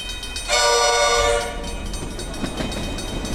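A train horn blasts loudly for about a second, a steady harmonic chord, then fades into the rumbling, rattling noise of a train rolling past.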